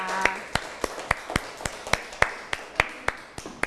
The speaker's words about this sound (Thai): ปรบมือให้กับวิทยากรรับเชิญด้วยนะคะ